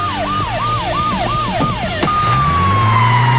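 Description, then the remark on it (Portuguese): The siren of a new SAMU advanced life support ambulance (mobile ICU) in Campos do Jordão, Brazil, yelps loudly in quick repeating rises and falls, then switches to a long held tone that slowly sinks in pitch, over a low rumbling background. “Estamos aqui nessa ambulância maravilhosa, unidade de suporte avançado, dia de entrega para a nossa cidade, muito mais do que um carro, uma ambulância, é um equipamento de saúde.”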